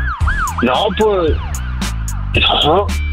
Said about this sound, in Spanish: Primero que nada, compa, ¿qué tan rápido corres tú cuando escuchas sirenas de una patrulla?